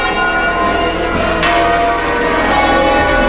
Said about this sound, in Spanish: y justo en ese instante en el que el Papa ha pisado suelo de Madrid, han sonado las campanas de las iglesias de la capital y de buena parte de la comunidad.